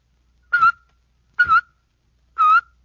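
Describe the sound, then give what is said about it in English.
Three short whistled chirps made with a tut-tut motion of the tongue, evenly spaced, each starting with a sharp tongue click that pops into a bright, steady tone before cutting off. Fairly loud, with silence between. “Now for a second type of whistling. You do this one with a tut-tut motion of your tongue.”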